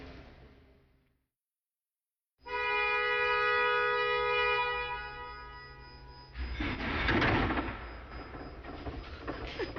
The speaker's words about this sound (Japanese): 今ちょっと出発のシーンはすごく衝撃的でしたけれども 、はい、皆様には3つ目の乗り物蓄電池機関車にご乗車いただいております。